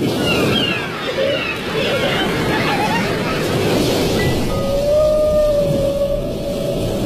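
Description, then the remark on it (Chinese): A single drawn-out whale call at a frequency unlike that of any other whale, a steady tonal moan that sustains for a few seconds over a constant rumbling, washy underwater background, with fainter chirps earlier. “人们说它是世界上最孤独的鲸鱼。它的叫声与所有鲸鱼的频率都不同。”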